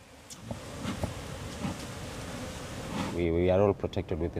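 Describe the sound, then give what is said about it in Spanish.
A dense, steady buzzing of many honey bees around beekeepers' hives in a mangrove forest fills the air for about three seconds, fairly loud, before a person's voice briefly cuts in over it. “Las abejas les proporcionan miel y disuaden a los traficantes de madera que de otro modo talarían los manglares de la zona.”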